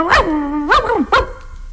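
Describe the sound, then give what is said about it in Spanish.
A skinny, flea-ridden dog barks three times, each bark a loud, tonal yelp with a slightly whiny, drawn-out edge, spaced unevenly with short pauses between and no talking. “O uno flaco, tilico y pulguiento.”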